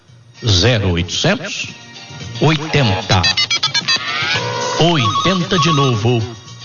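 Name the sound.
telephone ringing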